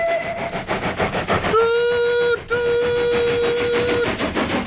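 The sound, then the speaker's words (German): The steam whistle of Thomas the locomotive blows a loud, steady harmonic tone in two long blasts with a brief break between, over the rhythmic chuffing and rumble of a moving train. “Das ist Thomas' Dampfpfeife. Alle Dampfloks haben Pfeifen.”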